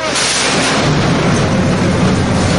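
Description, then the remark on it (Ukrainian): Loud, rumbling explosions roll together into a dense, continuous roar of blasts and low booms, filling the whole stretch with no speech over them. “Тривоги, вибухи, безсонні ночі.”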